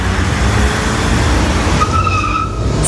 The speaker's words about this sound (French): Un livre, un puzzle et une voiture télécommandée. Noire, avec des bandes bleues sur le capot. Et dans la rue de Morlaix, elle manœuvre son nouveau jouet. Elle appuie sur un bouton et puis sur un autre.